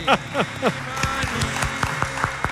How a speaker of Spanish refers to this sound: Este aplauso, sí, profesor, sí, es gracias a mí, a que no he cantado.